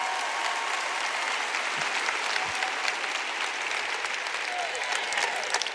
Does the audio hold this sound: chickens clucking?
no